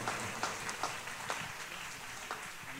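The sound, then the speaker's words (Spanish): A church audience claps steadily to welcome a sister of the church, with a dense wash of overlapping hand claps and a few sharper individual claps standing out. No voices are heard. “¿Por qué no recibamos con fuerte aplauso a nuestra hermana en esta hora?”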